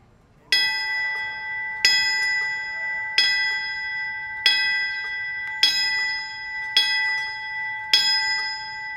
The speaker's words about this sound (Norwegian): Bjelleklangen er til minne for brannmannskapet og de nesten 3000 mennesker som mistet livet i angrepet på World Trade Center i New York.